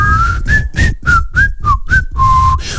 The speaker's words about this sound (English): Okay, you whistled though